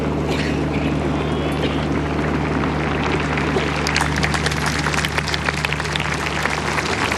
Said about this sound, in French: Les pèlerins qui applaudissent ce discours du pape Léon XIV, une ode à la Vierge Marie